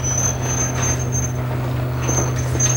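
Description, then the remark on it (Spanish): A remote-controlled garage door, closed by someone who has just stepped out of a car and presses the remote, closes with a steady motorized drone, a low mechanical hum under a thin high whine, holding even and fairly loud for about three seconds. “Pulsa el mando a distancia para cerrar el garaje y sale rápidamente antes de que la puerta llegue abajo.”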